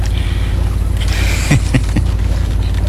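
Water swishes steadily around a small bamboo raft being paddled by a boatman carrying a passenger, with a few soft splashes and knocks as the paddle dips, over a breezy outdoor hiss. No one speaks.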